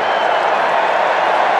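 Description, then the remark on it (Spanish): Steady, dense applause at a football match, a continuous loud wash of clapping with no clear individual claps or pauses, and no voices standing out. “Mohebi que aplaude a su gente.”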